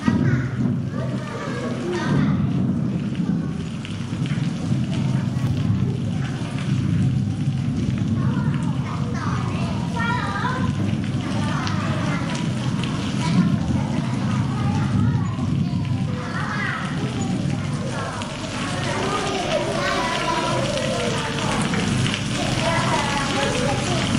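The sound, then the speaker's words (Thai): A thunderstorm: a steady, loud wash of heavy rain with a deep low rumble running underneath, continuous for the whole stretch with no clear pauses. “เสียงนี้คือเสียงอะไรคะ ฟ ้ าผ ่ า เป็นเสียง ฟ ้ าร้อง ฟ้าผ่านั่นเองหรือว่าฟ้าร้องนั่นเองนะคะ”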